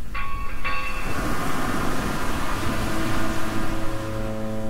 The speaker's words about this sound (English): The sound of that foghorn is maybe summery if you're in San Francisco, but not here in Seattle.